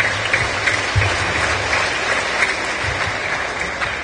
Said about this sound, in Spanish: Palmas al Evangelio, hermanos.